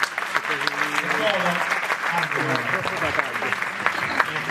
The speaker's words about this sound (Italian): Un applauso.